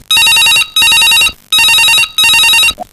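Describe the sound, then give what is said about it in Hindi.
A telephone rings loudly in four quick bursts, grouped in two double-rings with short gaps, the bell tone bright and buzzing, with no voices over it, as a caller's call comes in. “Phone आते madam ले लेते हैं।”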